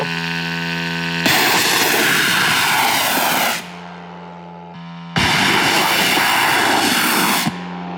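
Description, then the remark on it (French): A military drone's propeller engine is started at night and runs with a steady droning hum, twice surging into loud, roaring bursts of a couple of seconds each before dropping back to idle. The drone carries 100 kilos of explosives. “Démarrer le moteur. On démarre le moteur.”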